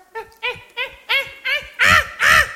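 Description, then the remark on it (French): A voice imitates the grunting cavemen communicated by: seven short, throaty bursts in a steady rhythm, fairly loud, with the last two growing stronger and rougher. “Les hommes des cavernes communiquaient par grognement.”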